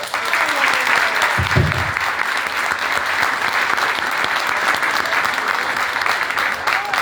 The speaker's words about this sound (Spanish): Y como primera noche, hoy estaremos presentando a nuestras candidatas y a sus reyes feos. Así que para que no se pongan tímidas, recíbanlas con un aplauso.